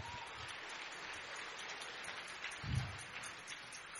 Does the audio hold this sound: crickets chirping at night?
no